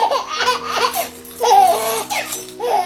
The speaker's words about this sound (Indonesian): Dengarlah suara bayi Papua, suara bayi Kalimantan,